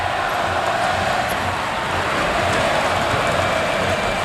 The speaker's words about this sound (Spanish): Árbitro, qué malo eres, canta el Carpena.